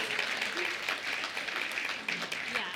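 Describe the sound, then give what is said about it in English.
An audience claps steadily, a dense, even wash of many hands that holds a fairly loud level throughout, with a faint murmur of voices mixed underneath. “We can clap for that if you believe in voting rights.”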